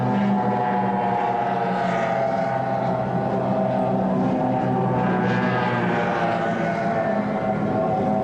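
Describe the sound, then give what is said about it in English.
Offshore racing powerboats, among them Team Florida, Chiller, Mobile One, Cutting Edge and Taz, roar past in the first of two heats of the 1994 National Offshore Championship in Galveston, Texas. Several layered engine tones blend into a loud, dense, steady rumble without a break. No one speaks. “Six laps, almost 30 miles in this first of two heats. Once again, there they go.”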